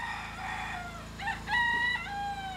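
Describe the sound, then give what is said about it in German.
A rooster crows loudly, its strained, harmonic call rising and stretching out over a low, steady background hum. No one speaks. “Entweder die Generatoren oder es bellt ein Hund oder es kräht ein Hahn.”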